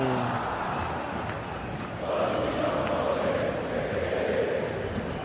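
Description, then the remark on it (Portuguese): A large stadium crowd of Palmeiras supporters sings and cheers during a football match against Santos, in a dense, continuous roar that swells louder after a couple of seconds, with no single voice standing out. “E o Santos atacando, mas quem canta é a torcida que canta e vibra. Ouça a torcida do Verdão!”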